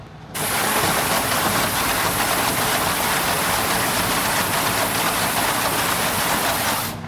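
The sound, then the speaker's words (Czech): A wheelie bin washing machine runs: after the bin is emptied, jets go inside it and clean it with water mixed with disinfectant, making a loud, steady rushing hiss over a low mechanical rumble. It starts abruptly, holds constant for about seven seconds, then cuts off. “A po vysypání popelnice zajedou dovnitř do popelnice trysky a vyčistí.”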